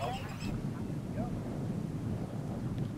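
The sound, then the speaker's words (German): Geese honk on farmland on an island, a few scattered calls mostly in the first half second, nearly buried under a steady roar of wind buffeting the microphone. “Die gefräßigen Gänse, eines von vielen Problemen.”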